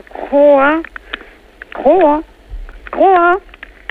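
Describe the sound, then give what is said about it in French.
An Argentine horned frog (Ceratophrys ornata) croaks three times over a phone line played through an amplifier, each call a loud, tinny, wavering groan lasting about half a second, separated by short pauses. “Alors, on va, si vous le voulez bien, arrêter de la faire coasser”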